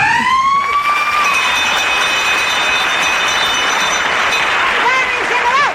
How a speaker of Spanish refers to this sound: Por cierto, el timbre para salir al patio, parecidos razonables.